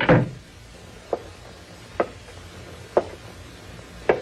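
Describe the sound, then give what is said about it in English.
A door shuts with a heavy thud, then four evenly spaced light taps follow about once a second, like slow footsteps, with no talking. “You close that door and come back here. Close it, I said.”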